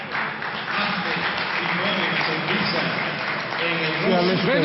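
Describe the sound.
A large crowd roars and cheers steadily throughout at the Gran Canaria stadium as Pope Leo arrives and tours the crowd, with an announcer's voice speaking over it toward the end, warming up the atmosphere.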